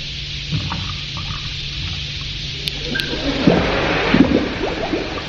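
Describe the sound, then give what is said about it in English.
A few small drops of water land on a powder, then a wet fizzing and gurgling sets in and swells steadily louder, continuous, with no voices. “Add a few drops of water, and you have a complete radio show ready to serve.”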